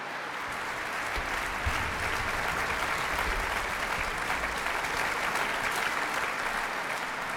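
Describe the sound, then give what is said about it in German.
Sustained audience applause for violinist Simone Lamsma as she receives a bright yellow sunflower, a dense, steady wash of many hands clapping at an even loudness throughout, with no voices standing out. “Und dazu bekommt sie jetzt gerade noch eine leuchtend gelbe Sonnenblume und noch jede Menge Beifall vom Publikum.”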